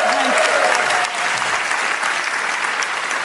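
Steady audience applause for a show's co-host, a dense wash of many hands clapping at once, loud, holding at an even level for a few seconds.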